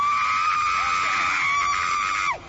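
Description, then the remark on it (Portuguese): An audience screaming and shouting for Jesus to burn a demon, led by one loud, steady, high-pitched scream held for about two seconds before it drops away sharply, over a faint murmur of other voices. “Vão gritando para Jesus queimar ele.”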